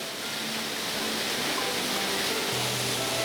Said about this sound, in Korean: 이 폭포가 무슨 모양 같아요? 그러니까 만약에 사람이 누워있다고 하면은 글쎄요, 허리 부분 정도 되려나?